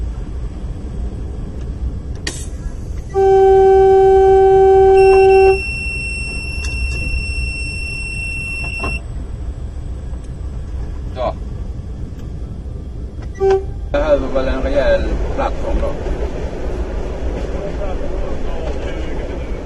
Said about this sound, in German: Das Signalhorn der Diesellok stört ihn offensichtlich überhaupt nicht.